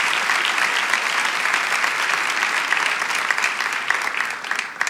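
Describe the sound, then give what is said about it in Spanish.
Sustained applause from an audience, given to Jesus Christ during an afternoon service, a dense crackle of many hands clapping steadily for about five seconds with no talking over it. “Vamos, si tú lo quieres, dale ese aplauso a Jesucristo en esta tarde.”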